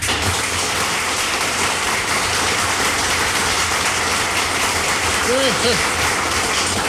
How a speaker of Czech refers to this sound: Přivítáme potleskem Jirku Sováka.